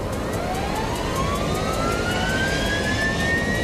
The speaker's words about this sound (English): We gear up fast, and two helicopters arrive from town. They circle down to pick us up.